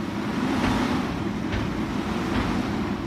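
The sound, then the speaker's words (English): A steady, heavy engine rumble of garbage trucks lining up in front of the scale house to be weighed at Boone County Landfill and Recycling in central Iowa, with a few brief bursts of louder noise rising over the continuous drone. No voices. “garbage trucks line up in front of the scale house to be weighed.”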